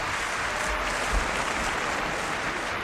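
A steady burst of applause, many hands clapping in a dense, continuous wash at an even loudness for a few seconds, with no voices standing out.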